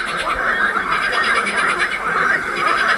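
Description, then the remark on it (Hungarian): A steady, high-pitched amphibian trill, the green toad's call, rattles on without pause for the whole stretch, fairly loud, with other croaks blending faintly in the background. “A következő a zöld varangy hangja lesz.”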